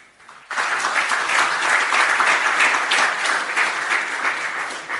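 A crowd breaks into loud, sustained applause after a brief quiet moment, dense clapping holding steady and strong for several seconds with no voices over it.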